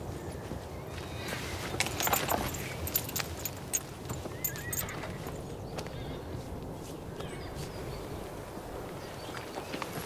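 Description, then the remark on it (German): A horse whinnies while its hooves clop irregularly on a hard floor, with jangling tack and a steady rustling background throughout. “Wenn man ein Pferd führen will, muss man Verantwortung übernehmen.”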